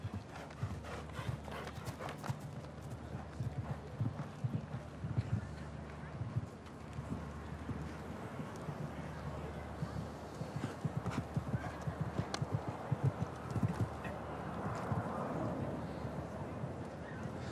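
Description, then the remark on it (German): A horse's hooves clip-clop in a steady, even rhythm of sharp knocks, with a low droning hum underneath and indistinct voices in the background. “Schon schön da oben, denkt sich das Pferd.”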